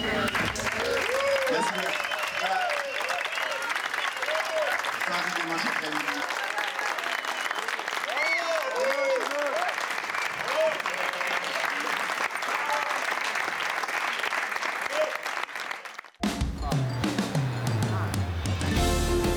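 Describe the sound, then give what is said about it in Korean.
Loud, sustained applause from a large European audience cheering Korean traditional music (gugak), dense clapping mixed with cheers and whistles, continuing steadily for about sixteen seconds before cutting abruptly to a different, quieter scene. “그 거침없는 울림에 유럽은 열렬한 환호로 화답하고 있다.”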